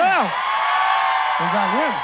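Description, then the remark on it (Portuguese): A loud crowd shouts and cheers continuously, with two rising-and-falling whoops cutting through, one at the start and another near the end. “Quem gostou, dá um gritão aí.”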